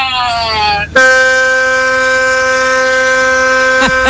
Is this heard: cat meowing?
no